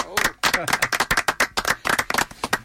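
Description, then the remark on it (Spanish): An audience applauds with loud, sharp claps in an uneven, fairly sparse rhythm, while a few voices briefly call out underneath near the start, welcoming a music group of the Universidad Nacional de Colombia on the Melómanos program. “Hoy, un fuerte aplauso para el grupo … de la Universidad Nacional.”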